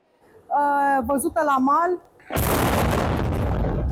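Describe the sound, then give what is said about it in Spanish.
A reporter talks briefly during a live broadcast before a naval drone, an unmanned boat, self-destructs in a sudden, loud explosion in the Romanian port of Constanța, its deep boom rolling into a sustained roar of rumbling noise that carries on to the end. “La explosión de un dron naval en el puerto rumano de Constanza ha sorprendido a esta reportera en pleno directo.”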